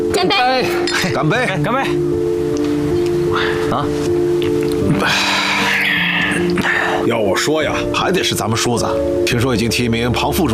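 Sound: glasses clinking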